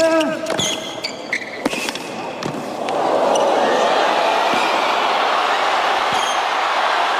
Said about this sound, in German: Da geht das Publikum so richtig mit und hört auch gar nicht mehr auf. So hat sich das heute Morgen angehört beim Spiel zwischen Ben Shelton und Carlos Alcaraz. Es war das Viertelfinale bei den US Open in New York